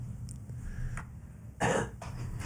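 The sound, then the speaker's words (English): A single short, harsh cough bursts out, loud against a steady low background hum, with no talking around it. “You use the cough button. Yeah, I use that cough button.”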